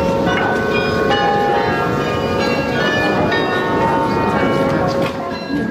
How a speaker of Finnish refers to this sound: Matkan varrella ohitimme kauniin Grootekerkin kirkon, jonka kellot ovat kutsuneet ihmisiä Jumalan kasvojen eteen jo vuosisatojen ajan.